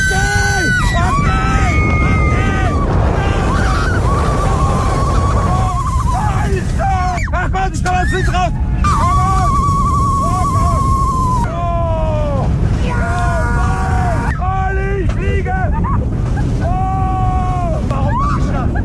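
A ride on the Silver Star roller coaster at Europa-Park in Rust at 130 km/h: a loud, constant rushing roar of wind and track, with riders shrieking and yelling in repeated swooping, rising and falling cries throughout.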